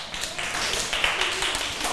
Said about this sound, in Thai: เห็นด้วยกับเพื่อนใช่ไหมคะปรบมือให้กับเพื่อนด้วยค่ะ